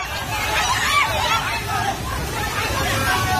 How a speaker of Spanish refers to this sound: Este es el sonido del terror de la gente ante el torrente que ha arrasado en muy poco tiempo viviendas, coches, árboles y que ha dañado infraestructuras de todo tipo, carreteras, puentes, centrales hidroeléctricas